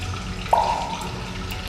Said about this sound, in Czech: Potok, jak vidíte, zmohutněl.